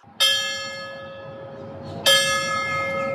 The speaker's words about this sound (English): On the humid morning of September 11th, bells rang out.